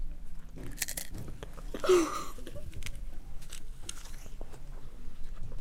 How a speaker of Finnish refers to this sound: Erittäin harvinainen pureskelutapa. Löydettiin erittäin harvinainen pureskelija. Ei kuin kolme erittäin harvinaista pureskelijaa.